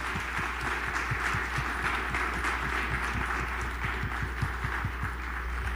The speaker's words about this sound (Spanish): a todos los presentes aquí quiero pedirles un fuerte aplauso